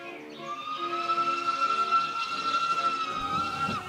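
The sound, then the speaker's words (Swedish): A train to Bökeberg runs on the rails, heard loud, with a steady high whistle-like tone and hissing rumble held for several seconds before cutting off abruptly. No one speaks. “Till Bökeberg åkte man tåg.”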